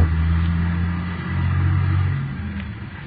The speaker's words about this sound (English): Wait a minute. There's a car coming down the hill toward us. Sure is making time.